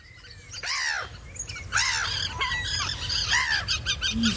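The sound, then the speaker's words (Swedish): A lively chorus of birds from the Swedish radio P1 Naturmorgon birdsong night broadcast fills the air, with overlapping harsh squawks and honking calls over chirping song, several voices calling at once, continuous throughout. “Det kvittrade och flaxade och skränade som en fullkomlig kör av fåglar vart vi än gick.”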